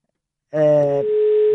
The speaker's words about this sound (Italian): Scusate, vi faccio sentire anche lo squillo, così siete partecipi di tutti i particolari di cronaca.